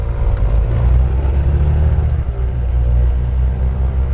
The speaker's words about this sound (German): Als wir endlich alle im Flieger sitzen, lässt Mirko den Motor aufheulen.